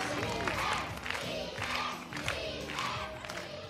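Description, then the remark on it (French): A crowd shouts and cheers excitedly, a dense roar of many voices rising in bursts over several seconds, steady and fairly loud throughout, as contestants parade before the jury at a Miss and Mister Maison de Retraite (retirement home) pageant. “Chacun leur tour, les candidats défilent ainsi devant le jury et la foule en délire.”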